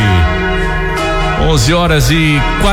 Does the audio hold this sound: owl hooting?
no